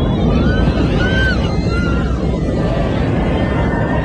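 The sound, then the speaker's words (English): A loud, constant roar of airplane cabin noise during a rapid descent of more than 17,000 feet in minutes, filmed by passengers aboard a Fly Dubai flight from Dubai to Tel Aviv over Saudi Arabia, deep and rumbling throughout, with faint wavering high-pitched cries drifting in and out over the din. “So that footage captured by the passengers, you can hear the fear and the rapid descent.”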